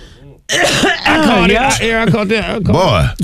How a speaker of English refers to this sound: I caught it. That topic made you cough like that? Yep. It's a yep. Well, I choke.